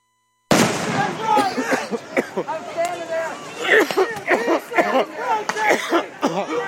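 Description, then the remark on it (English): Roman candle fireworks pop in sharp, irregular bursts beneath a loud, chaotic crowd of shouting and chattering voices. “Hey, I got the same Roman candles.”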